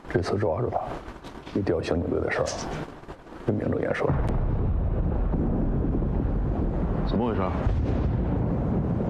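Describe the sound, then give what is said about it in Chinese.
Muffled voices give way to a deep mining blast from blasting excavation at a mine, its heavy boom rolling into a long, steady low rumble that lingers to the end, with a brief voice over it. “没事没事，我们这儿啊需要报复开采，有点响动很正常。”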